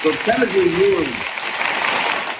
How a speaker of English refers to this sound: Look, you even got some hand claps. You already won the game by starting off 2 for 2.